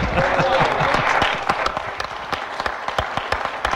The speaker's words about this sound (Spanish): ¡Oh, gloria a Dios! ¡Diga gloria a Dios! ¡Aleluya! ¡Gloria a Dios! ¡Un aplauso para Jesús!